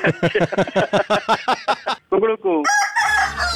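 A rapid, evenly spaced run of loud chicken clucks leads into a short rooster crow, close and clear. Bright music kicks in right after it.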